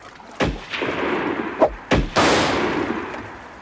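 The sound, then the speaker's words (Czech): Five loud gunshots fired at a Huron on a riverbank go off at irregular intervals, each a sharp crack followed by a long rumbling tail that fades slowly, with no voices. “Pozor, šíp! Málem nás zasáhl. Střílejte!”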